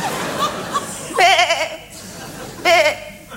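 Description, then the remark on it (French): Two wavering, quavering sheep bleats ring out about a second and a half apart, fairly loud, over a low murmuring background, as sheep return from pasture. “En écoutant la mélopée nostalgique des moutons revenant du pâturage,”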